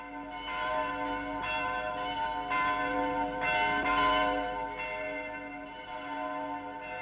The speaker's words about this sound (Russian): Вы знаете, от чего такой перезвон? Да ведь сегодня не Колин день. Не отпраздновать его было бы грешно.